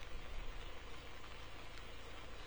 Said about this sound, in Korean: 네, 어젯밤부터 약한 빗줄기가 내리기 시작해 지금은 제법 강한 빗방울이 꾸준히 떨어지고 있습니다. 저수율이 8%에 불과할 정도로 바짝 말라가던 저수지에도 정말 오랜만에 빗물이 스며들고 있습니다.